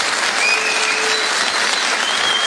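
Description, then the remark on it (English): A crowd applauds steadily, a dense, even wash of many hands clapping at once, loud and sustained throughout with no pauses, and a faint whistle rising briefly above it. “Nobody clapping knows what he said.”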